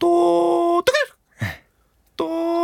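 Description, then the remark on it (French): A human voice mimics the Japanese bush warbler's call: a long, steady, reedy note, a quick warbling upward flourish and a short falling chirp, then after a pause the long note starts again. “Et quand on l'a fait, elle est tombée à la renverse parce que c'était vraiment le son du rossignol japonais.”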